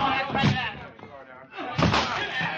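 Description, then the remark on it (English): Heavy wooden slams and thuds as a group of people batter in a locked door, two loud crashing bursts with splintering rattle between them, over a constant rough background noise. “We've got to break that door in.”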